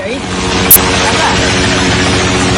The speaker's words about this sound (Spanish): Es el sonido de los helicópteros en Nepal que continúan haciendo labores de búsqueda tras las gravísimas riadas del pasado miércoles en la frontera con el Tíbet, provocadas por ese colapso de un glaciar.